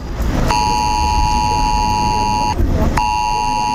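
A smartphone emergency alert test tone on Germany's nationwide warning day blares loudly as a harsh, steady electronic tone for about two seconds, cuts out briefly, then starts again over a constant low background rumble.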